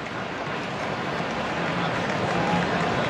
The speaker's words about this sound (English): We'll do it again. Crowd starting to buzz here. Trying to rally on Cease.